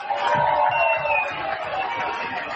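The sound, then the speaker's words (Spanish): A crowd applauds steadily at a town pregón in Villanueva del Pardillo, Spain, thanking everyone who worked on the event: a dense wash of clapping with a faint rhythmic low thump underneath, holding at a fairly loud level throughout with no voices. “Vamos a mandarles un aplauso a todos los que trabajaron con nosotros para que hoy podamos estar aquí de frente.”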